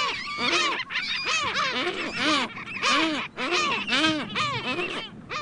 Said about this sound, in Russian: А у нас, ребята, в нашем отечестве живет свой хохотун. Самый настоящий. Это черноголовый хохотун. Вот он. Слышите, как он? Не знаю, почему его назвали хохотуном. Немножко похоже.